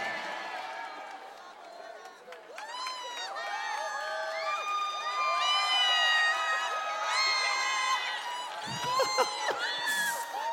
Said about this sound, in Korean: 아까 그 물 먹을 때 막 박수 나고 함성 나고 수준 높다 하니까 더 하시는 거죠, 지금.